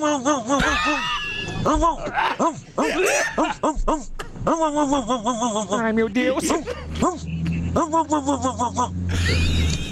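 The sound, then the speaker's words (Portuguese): A person imitates a nasal, congested-sounding dog as an entry in a dog-imitation contest, producing a run of whiny, pitch-bending barks and yips, with other voices laughing and talking over it. “mandou o cachorro fanho”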